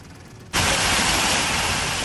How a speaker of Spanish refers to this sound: Y con esta fuerza caía el agua en Hellín, en Albacete.